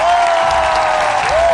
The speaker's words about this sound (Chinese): 给王宇5秒钟的掌声和欢呼声好吗